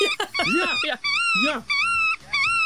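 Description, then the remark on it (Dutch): Black-tailed godwit calls play from a phone speaker on a small concrete footbridge between a country lane and a meadow: a run of four or five squeaky, nasal, rising-and-falling notes in a steady rhythm, fairly loud. “De grutto heb ik nog niet gehoord. Ik kan hem wel. Ik heb het hier op mijn telefoon ook alvast opgezocht. Hoe die klinkt.”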